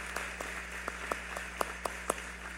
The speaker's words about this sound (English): Y vamos a darles un aplauso fuerte una vez más a cada uno de estos graduantes. And let's give a round of applause once more to all these graduates.